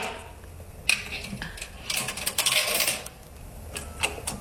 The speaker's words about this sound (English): It's the coins being dropped into the slot.